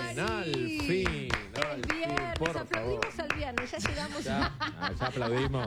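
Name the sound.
hands clapping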